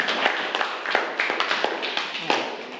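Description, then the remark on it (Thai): A group of students clapping together for a group of classmates, at the teacher's request: a dense, steady patter of many hands with a few sharper claps standing out, lasting a few seconds with no talking. “เก่งมากเลยนะคะปรบมือให้เพื่อนกลุ่มนี้หน่อย”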